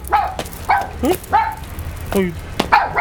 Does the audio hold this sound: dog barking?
yes